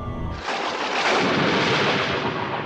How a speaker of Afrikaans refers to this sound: En buite grom die donder weer.